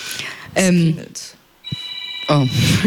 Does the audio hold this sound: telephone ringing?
yes